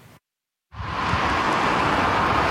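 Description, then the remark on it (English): A steady, broad roar of road traffic heading into a long holiday weekend rises after a short silence and holds at a constant level, like a continuous stream of vehicles passing with no distinct individual cars standing out. “There's no shortage of traffic heading into the long holiday weekend.”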